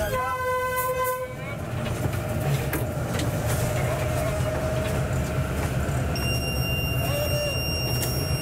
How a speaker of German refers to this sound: Der Zug muss auf seinem Weg auf das Shan-Plateau fast 900 Höhenmeter überwinden.